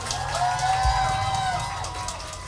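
A crowd applauds and cheers steadily at a live show, with dense clapping, scattered whoops and a sustained whistle-like tone over a low rumble. The applause is for the singer on stage, who has a concussion, during a short break.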